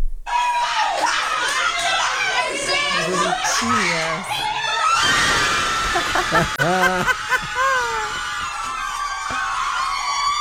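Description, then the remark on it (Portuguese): A crowd of nuns erupts in excited cheering and shrieks, with overlapping shouts, laughter and high-pitched squeals, celebrating the Brazilian national team's second goal loudly and continuously throughout. “Nossa produtora Laura Cruz separou um vídeo de umas freiras comemorando o segundo gol da seleção brasileira.”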